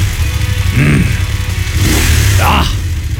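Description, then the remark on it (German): A loud motorcycle engine rumbles steadily and is revved up a few times, its pitch rising and falling in short bursts over the constant low throb. “Ihr stählernes Lebensgefühl auf zwei Rädern. Die Motorradsaison läuft, Leute.”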